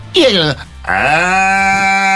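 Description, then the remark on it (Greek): A person imitates a cow, voicing a cow character with two drawn-out moos, a short high-pitched call dropping in pitch and then a longer, steady, strained low moo, fairly loud, with nothing else around them. “Εγώ κάνω διάφορους χαρακτήρες. Μάλλον αγελάδες με διαφορετικούς χαρακτήρες.”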